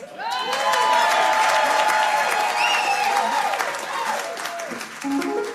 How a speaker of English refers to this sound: So if you clap a little bit more, Michael might put it on the record.